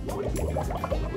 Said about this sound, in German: Jetzt mache ich noch mal Wellenbad. Umso mehr welliger ich es mache, umso mehr Schaum ist es.